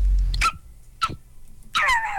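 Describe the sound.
A person imitates a small dog with three high-pitched vocal yips: two short, sharp ones spaced apart, then a longer whiny yelp that slides downward. Fairly loud, with no other talking.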